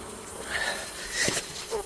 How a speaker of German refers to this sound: Wespen.